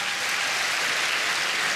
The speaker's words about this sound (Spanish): Vamos, dele un aplauso grande al Señor.